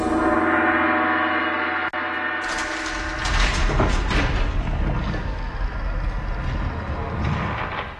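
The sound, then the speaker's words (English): A gong in Oz, tapped with the Tin Man's knuckles, rings out with a dense, sustained metallic tone full of layered overtones, then gives way after a couple of seconds to a loud, noisy rumbling clatter. “Tap on that gong there, would you, Tin Man?”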